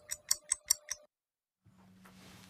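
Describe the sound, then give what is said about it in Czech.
A Czech radio time signal marking 8 o'clock: five crisp, evenly spaced clock ticks over a steady electronic tone, then a brief silence before a low hum and soft noise fade in. “Přesný čas vám přináší jen zbytečný stres.”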